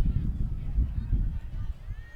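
Heavy, unrelenting wind buffets the microphone during a baseball game, making a continuous, deep rumbling roar that surges and dips in loud gusts for the whole stretch, with no clear voices over it.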